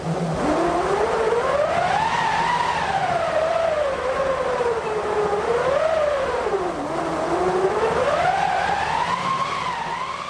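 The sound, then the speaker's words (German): A cranked wind machine, a drum turned by a crank rubbing against a stretched piece of canvas or linen on a wooden or metal frame, howls steadily. Its rushing, whooshing tone swells up and sinks back down in slow waves about three times, loud and unbroken, with no voices. “Daraus besteht eine Windmaschine und die kann solche Klänge erzeugen.”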